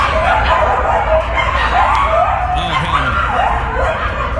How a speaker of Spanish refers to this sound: That's what it sounds like all day aquí en West Hollywood, en un edificio donde está lleno de coyotes. Los coyotes hicieron su casa básicamente ahí, right?